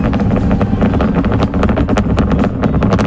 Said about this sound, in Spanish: entiendo que es el cohete